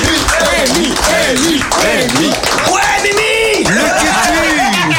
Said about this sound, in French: Donc on peut l'applaudir aussi bien fort. Bravo.